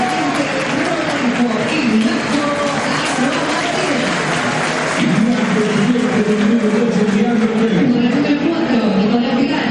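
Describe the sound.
A large crowd in Boca's stadium claps and cheers in a dense, steady roar for about ten seconds as the stadium voice announces Boca's players one by one, Merentiel last, speaking over the noise.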